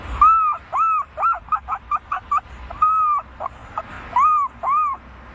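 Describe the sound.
A 12-year-old boy imitates a herring gull, giving drawn-out wailing cries, then a quick run of short yelping notes, then more long cries, all loud.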